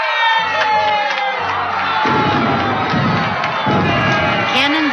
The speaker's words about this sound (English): But the biggest jubilee was in New York. The Hudson was filled with boats of all kinds, packed with cheering people.